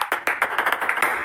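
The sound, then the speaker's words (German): A rapid, uneven run of light, sharp table tennis ball taps, fairly loud, spaced in short and slightly longer gaps, tapping out Morse code, with no voices. “Sind Sie ein schüchterner Mensch, aber können gut Tischtennis spielen? Dann morsen Sie doch einfach.”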